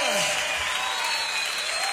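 Steady, dense clapping from a crowd fills the space, a continuous wash of applause at fairly loud level with no breaks, sounding like a large gathering.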